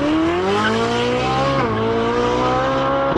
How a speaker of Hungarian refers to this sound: Valaki szerint az Andrássy út Budapesten autópálya, mert 122-vel száguldozott.